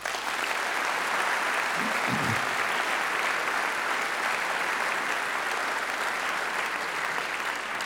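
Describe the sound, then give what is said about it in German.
Steady audience applause at the Deutsches Jazzfestival 2026, for the support of the cultural office of the city of Frankfurt: a dense wash of clapping that holds at an even, fairly loud level for the whole stretch without voices on top. “Auf diese Unterstützung dürfen wir seit Jahrzehnten zählen und das ist ein Applaus wert.”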